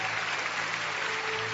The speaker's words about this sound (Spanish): Aplausos a Dios que vive y permanece para siempre.